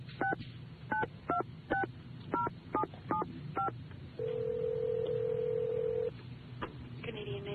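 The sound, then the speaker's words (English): A rapid series of about ten touch-tone beeps as a phone number is dialed to call the Mohawk conductor John Kim Bell, each a short two-pitch chirp, followed by a long steady tone on the line over a low hum. “Why don't you just call him up and ask him?”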